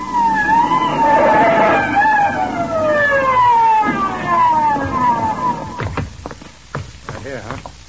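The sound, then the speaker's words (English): A loud police siren wails in long, repeated downward-gliding tones over a low rumble, then fades out as people begin speaking. “She runs screaming from the scene and brings the cops down in a hurry.”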